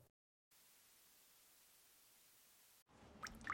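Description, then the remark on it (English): A couple of clear water drips from a ceiling vent plink near the end, after a long stretch of steady hiss like static or running air, with no talking. “Hey, it's your ceiling vent, so I'm dripping.”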